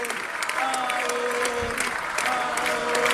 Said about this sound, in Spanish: Pero mirá, Toto Caputo aplaudía.